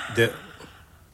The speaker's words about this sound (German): Na? Bist du jetzt fertig mit Gähnen